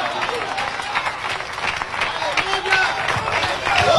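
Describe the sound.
A church audience breaks into sustained applause during a sermon, dense overlapping claps forming a steady wash of sound that swells slightly toward the end, with scattered voices mixed in.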